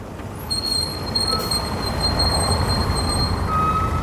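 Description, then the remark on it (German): A bus rumbles in and slows to a halt across the street from a hostel to pick up a school class, its low engine drone steady while thin, high-pitched brake squeals whine over it, with a lower squeal near the end. No one speaks. “Vor der Herberge, auf der anderen Straßenseite, hält gerade der Bus, um die Klasse abzuholen.”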